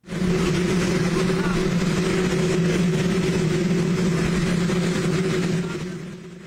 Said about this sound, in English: So his opening remarks were inaudible because of the noise from a waiting helicopter.